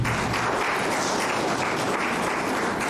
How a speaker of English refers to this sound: Give them also a round of applause.